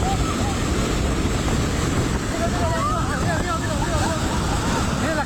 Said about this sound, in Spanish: En video compartido en redes sociales por la comunidad, registrado en el momento exacto en el que la estructura del puente cedió ante la furia del río. Se está llevando la bancada del puente.